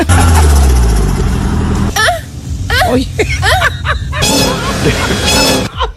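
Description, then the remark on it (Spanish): A boy's voice imitates a car engine: a low revving rumble, then squeaky rising and falling vocal sweeps and breathy, noisy bursts, loud and continuous throughout. “Perdona, en teoría se supone que está imitando el sonido de un coche.”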